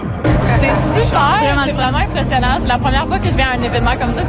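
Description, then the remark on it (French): A loud, steady hubbub of an outdoor crowd of fans before a game, many overlapping voices chattering and calling out at once with no single speaker standing clear. “l'énergie, la foule, la frénésie, il n'y a aucune place dans le monde comme ça”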